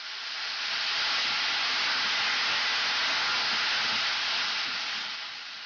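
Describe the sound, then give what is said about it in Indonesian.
Soy sauce sizzles and steams in a hot pan with carrots while making kimpira, cooking until the soy sauce's water evaporates; a steady, bright hiss that holds evenly throughout with no talking. “manisnya sampai kandungan air dari kecap asinnya menguap dan wortelnya kelihatan seperti mulai hangus.”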